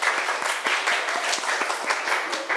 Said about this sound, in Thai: ถูกต้องค่ะนักเรียนเก่งมากปรบมือให้ตัวเองหน่อย